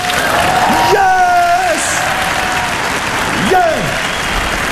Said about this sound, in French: Un bel applaudissement.